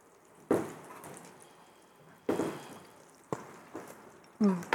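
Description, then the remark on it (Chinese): A steady, soft sizzling hiss runs under about six sharp, irregular pops and spits as sausage is pan-fried in hot oil for sausage on rice, each pop loud and quickly fading. “你听到啵啵啵啵？你听到吗？有没有听到？”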